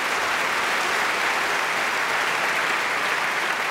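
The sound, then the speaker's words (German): A large concert audience claps steadily and loudly for a performer who stepped in that day, a dense, even wash of applause that holds at the same level throughout without any voices standing out. “Deswegen nochmal ein extra Applaus an diesen wunderbaren Mann.”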